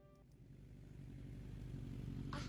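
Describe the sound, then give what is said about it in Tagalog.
A small motorized tricycle engine drones steadily and grows louder as it draws closer, its low rumble filling the scene, with a brief hiss near the end and no talking. “Tricycle! Para!”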